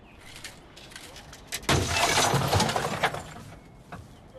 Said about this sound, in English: He's broke the glass now!